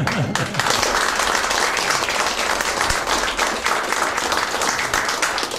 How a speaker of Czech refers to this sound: Ale zatleskáme vám.